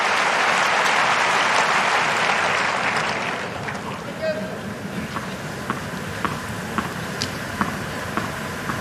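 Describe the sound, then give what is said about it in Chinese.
A tennis crowd cheering on Sinner bursts into loud, dense applause for about three seconds, then settles into a softer murmur of voices punctuated by scattered sharp claps. “现场的观众也都在给辛纳加油。”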